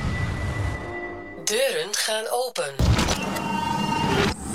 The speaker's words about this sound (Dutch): Deuren gaan open.